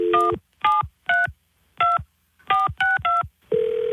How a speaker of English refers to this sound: She just called me twice. Let me call the home phone again.